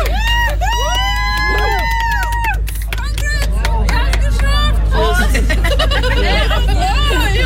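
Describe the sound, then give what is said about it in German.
Friends cheer and shout over a lively crowd hubbub, welcoming two people who have just finished a 65-kilometre walk to the Hurricane Festival in Scheeßel. Excited voices rise and fall in quick overlapping calls above a steady low rumble. “Ja, kaltes Bier, jubelnde Freunde und 65 Kilometer hinter sich.”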